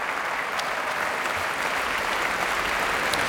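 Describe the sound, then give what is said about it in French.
Sustained audience applause for violinist Ava Bahari returning to bow on the stage of the grande salle Pierre Boulez after Ravel's concert rhapsody, joined by conductor Bahar Avni and the Orchestre de Paris: a dense, steady wash of many hands clapping at an even, fairly loud level throughout, with no voices heard. “La jeune violoniste revient saluer sur le plateau de la grande salle Pierre Boulez, très applaudie aussi par la chef qui la suit, sortant de la coulisse.”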